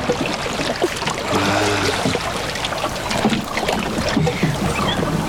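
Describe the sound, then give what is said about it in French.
Paddle strokes switch to the other side of a boat to give it speed, dipping and splashing through water in a steady rhythm of swishes over a constant wet wash, with a brief hollow creak partway through and no one speaking. “De l'autre côté maintenant pour donner de la vitesse au bateau.”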